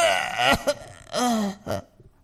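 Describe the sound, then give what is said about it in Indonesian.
A voice imitates an old man's harsh coughing and choking that grow worse: a few strained, raspy bursts with gasping breaks between them, loud, with no words spoken. “Semakin lama batuknya, tersedaknya semakin parah.”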